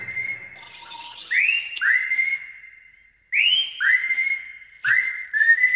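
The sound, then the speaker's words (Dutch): A person whistles a song tune, clear, with smooth sliding notes in short phrases separated by brief pauses. No one speaks. “En dat heet dan letterlijk je dag influiten.”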